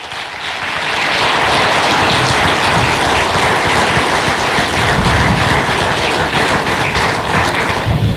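A large crowd breaks into sustained applause for the organizations that helped, including the GNR and E-Redes, swelling within the first second into a dense, steady wash of clapping that stays loud and even to the end, with no voices on top.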